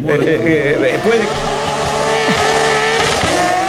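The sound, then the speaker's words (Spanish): A rally car roars past at speed at the Festival de Jaucanigas in Reconquista, lifting its tail over a jump. Its engine is loud, the pitch rising and dropping as it revs hard, with voices faintly mixed underneath. “a goma quemada, a rally”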